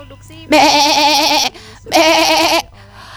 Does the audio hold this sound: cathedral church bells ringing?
no